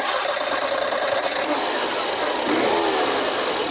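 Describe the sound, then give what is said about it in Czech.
A Škoda Favorit car engine runs steadily, a continuous buzzing mechanical drone with a slight rattle that rises a little in intensity near the end. “Celou éru Favorita teď zakončíme charakteristickým zvukem motoru.”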